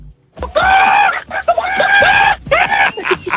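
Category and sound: vocal imitation, person imitating a chicken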